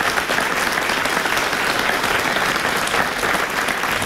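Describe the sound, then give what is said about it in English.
Sustained audience applause for the party leaders at the end of a multi-party leaders debate, a dense steady patter of many hands clapping at an even loudness for several seconds, with no voices rising above it. “All right, let's give a very warm round of applause to our leaders for coming this evening.”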